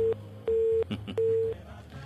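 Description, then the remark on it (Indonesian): A mobile phone call tone sounds as three steady, evenly pitched beeps in a regular on-off rhythm, fairly loud, over a low background hum with no talking. “HP bunyi ke apa? Bunyi nih.”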